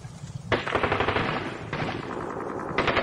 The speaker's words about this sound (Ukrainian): Прокинувся він від стрілянини. Не розібравши, що коїться, Олесь хотів вибігти на двір, але зачув, що там на випередки тьохкали два кулемети.